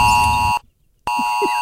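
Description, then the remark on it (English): A loud, harsh electronic hospital alarm beeps twice, each tone a steady buzzing note about half a second long, separated by a brief silence, with a low hum underneath. “Hey, want to hear the most annoying sound in the world?”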